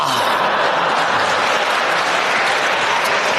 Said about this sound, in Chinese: 你看，我们一唱，观众就给我们鼓掌。 啊，嗯， 其实我们心里都明白， 就是 这是对我们相声演员的鼓励。